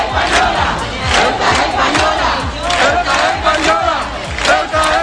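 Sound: protest crowd chanting slogans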